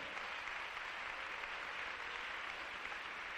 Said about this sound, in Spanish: Dele un aplauso al Señor en esta mañana preciosa. Bien fuerte.